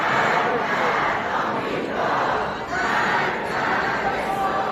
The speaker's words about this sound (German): Und schon früh brannten Rufe auf wie Tod Amerika, Tod Israel, wie hier in einem überfüllten U-Bahnhof.